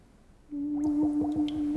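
Bubbles blown through a tube gurgle out underwater in a quick run of about six bursts, riding over a steady low humming tone that starts abruptly after a brief moment of quiet. No voices.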